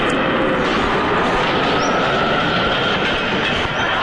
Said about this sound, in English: I hooked up a 727 jet engine block up to the back of our leaf blower. We could strip the paint off the house with this baby. Here it goes.